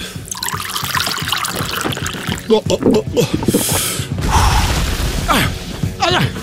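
Water trickles and splashes as it's poured into a glass, fairly loud, with short pauses between pours and some muffled movement around it.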